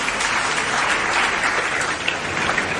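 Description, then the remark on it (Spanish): Steady applause from an audience for the winner of a number draw, a dense, even patter of many hands clapping at once, fairly loud and sustained throughout with no voices standing out. “Felicidades al ganador, un aplauso.”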